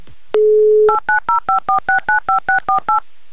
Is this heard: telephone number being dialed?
yes